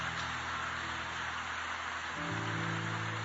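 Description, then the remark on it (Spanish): An audience claps for the King, a dense, continuous patter of many hands with no break, while sustained low musical tones hold underneath and shift pitch partway through. “Dale aplausos al Rey.”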